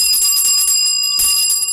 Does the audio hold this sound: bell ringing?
yes